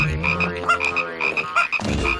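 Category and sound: animal, small frogs croaking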